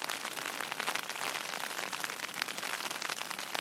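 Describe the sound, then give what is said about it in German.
Steady rain patters densely on a surface, a continuous hiss of many tiny droplet taps with no pauses, moderately loud, with no voices. “Ich kann ja nicht raus in den Regen und abbauen.”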